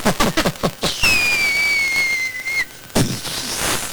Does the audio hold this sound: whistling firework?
yes